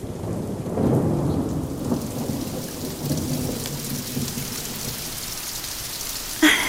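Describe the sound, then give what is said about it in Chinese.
Steady rain falls and patters on roof eaves, with a low rumble of thunder rolling underneath and a brief sharp crack near the end; no one speaks. “你看，雨滴在屋檐上跳舞呢。”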